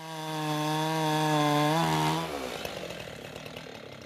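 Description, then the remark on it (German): A chainsaw engine drones steadily at high revs, then its pitch drops and roughens as the blade bites into a thick trunk, grinding through the wood to straighten the trunk end with a clean cut, with no talking. “Das Sägeschwert taucht in den Stamm wie ein Messer in weiche Butter.”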